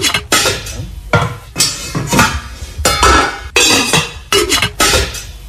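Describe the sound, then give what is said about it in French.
Loud metallic clattering of pots and pans in a kitchen, a rapid series of sharp bangs and clanks with ringing tails, busy, no voices. “Oui, c'est des bruits de cuisine ou de casserole, de poêle.”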